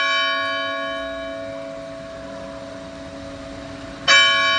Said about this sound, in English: We need to have the sounding of the church bells. Oh, the church bells. Oh, yes, because, yes. Because we don't want to miss the holiness of the moment. Yep. And so when the church bell chimes, that's a call to prayer.